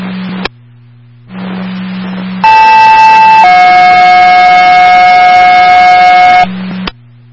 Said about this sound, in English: Tone for driver EMT 1825.